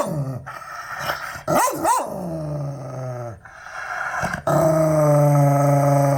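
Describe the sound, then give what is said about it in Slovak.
An angry dog growls and snarls, breaking into a couple of sharp, loud barks, then keeps up a low, sustained rumbling growl; nobody speaks. “Tak keď budeme hrať Pitbulla, pustím vám 3 rôzne štekania rôznych psov, plemien a vašou úlohou je nájsť tam Pitbulla, aby ten Pitbull bol rozoznateľný.”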